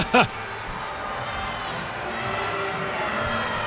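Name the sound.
stadium crowd grumbling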